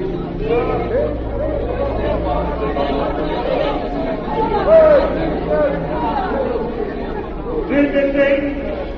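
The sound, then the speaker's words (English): A large crowd chatters in the square of a capital city, many overlapping voices blending into a steady, dense murmur with occasional louder shouts for peace rising above the din. “The next day found a great crowd in the square of the capital. There were flags and shouts for peace.”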